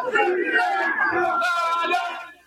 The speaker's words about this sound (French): Célébration de l'Aïd al-Gadir en Iran, une unité affichée pour défier les États-Unis, pensent certains. Une foule importante s'est rassemblée dans le centre de Téhéran pour célébrer la fête chiite.